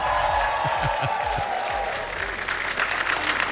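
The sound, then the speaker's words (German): A large crowd at an equestrian vaulting show cheers and applauds loudly and continuously, a dense wash of clapping and roaring voices filling the space without a break. “Die ist auch kurz mal zusammengezuckt, als der Jubel losging.”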